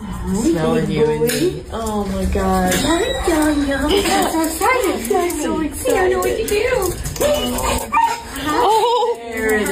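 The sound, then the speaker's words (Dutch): An excited dog whines, yelps and whimpers almost nonstop, loud, its high wavering cries rising and falling while people's voices mix in along with some clattering, as the dog meets its owner again years later. “Nou, je hoort in ieder geval dat er enorme blijdschap is.”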